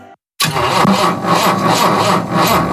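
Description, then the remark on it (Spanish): A car engine turns over and catches after a brief silence, then settles into a loud, steady idle with a slightly pulsing rumble. “Tu vehículo te lo está pidiendo.”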